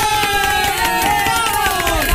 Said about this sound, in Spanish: Gracias, muchachos. Gracias por aplaudir por gusto. Ahí está esto, se aplauden por gusto. ¿Para qué aplauden? Cuando les pido que aplaudan, no aplauden. Y cuando les digo que no aplauden, no aplaudan.